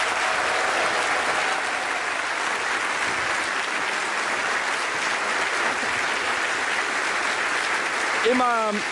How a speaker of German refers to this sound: Ein großer Applaus für die Premiere